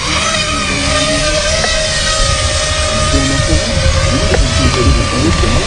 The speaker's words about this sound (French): Donc dans un premier temps, je viens préarmer mon drone et l'armer. Et là, je suis en mesure de décoller.